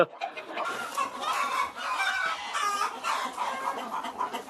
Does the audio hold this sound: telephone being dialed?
no